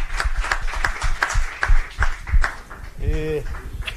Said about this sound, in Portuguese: Palmas!